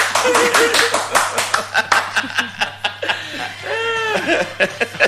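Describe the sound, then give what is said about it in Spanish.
A crowd claps in quick, uneven bursts of sharp slaps, mixed with chuckling and laughter; a voice briefly rises in a laughing, sing-song tone near the end as the clapping tapers off. “¡Aplauda!”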